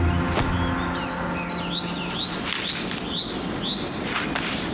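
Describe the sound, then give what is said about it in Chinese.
A female crested ibis chick calls insistently in protest, a rapid series of about nine rising, squeaky cries repeated in a steady rhythm, fairly loud over a soft background hiss. “妹妹对哥哥表达出强烈的不满。”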